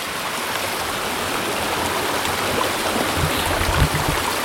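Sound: flowing creek water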